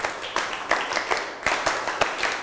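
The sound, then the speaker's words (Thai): A class of students claps one set together in a rhythmic pattern on the teacher's cue, sharp unified claps over a steady wash of scattered clapping, moderately loud, with no talking. “ถ้าพร้อมแล้วปรบมือ1ครั้งยังมีคนไม่ปรบมือปรบมือ1ครั้งหันหน้ามาทางครูครับไม่ทำอย่างอื่นแล้วนะทั้งต้นทางและปลายทางนะครับไม่ทำอย่างอื่นแล้วนะครับปรบมือ1ชุด”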